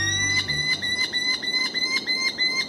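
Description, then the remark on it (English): A merlin, a powerful, compact falcon smaller than a pigeon, gives a steady series of sharp, high chattering calls, about three notes per second, repeated without pause over a faint background hum. “Smaller than a pigeon, but fierce enough to knock one from the air, are the powerful, compact falcons known as Merlins.”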